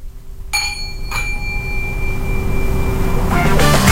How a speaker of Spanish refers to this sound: ¿Sabes tocar este el gong? ¿Este es un chino o es un japonés? Ah, ¿sabes tocar el gong?